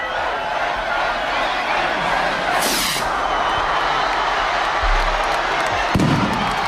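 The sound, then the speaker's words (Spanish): A dense, roaring crowd cheers continuously while rockets go off at midday to open the patron saint festivities of Tafalla and Burlada in Navarra, with a hissing burst near the middle and a sharp bang toward the end cutting through the noise. “Cohetes que han anunciado que Tafalla y Burlada están de celebración.”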